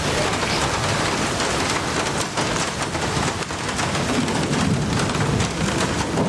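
Steady, dense rain pours down throughout, a constant hissing wash of drops striking surfaces, with no pauses and no voices.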